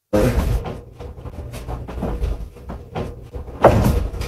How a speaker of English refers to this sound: Oh, come on. Somebody's knocking on it. I'm not tripping that. Did that just move? Oh. So every time you hear a knock, you see the mirror kind of bounce off the wall.